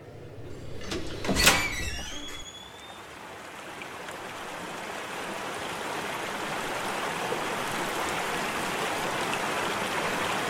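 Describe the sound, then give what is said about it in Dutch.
A door slides open with a brief scraping rattle near the start as a group goes outside, followed by a steady, growing wash of outdoor noise like rain or running water. No one speaks. “Hè, gewoon even de deur uit.”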